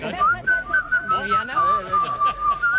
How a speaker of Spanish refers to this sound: ¿Sabes lo que se me da mejor? Se me da mejor silbar.